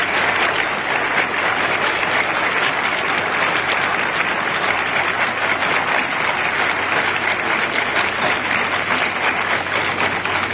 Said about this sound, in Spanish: Escuchen el aplauso formidable.